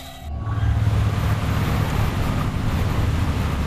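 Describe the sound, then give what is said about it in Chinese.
A boat engine roars steadily at full speed ahead, a deep droning rumble mixed with rushing water noise, loud throughout with no voices. “声大报告，107号启动了发动机。 前进四，全速前进。”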